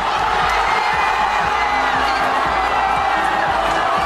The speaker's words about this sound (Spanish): Estos gritos de euforia no difieren mucho de los que se han escuchado durante toda la noche en miles de calles, de plazas del país.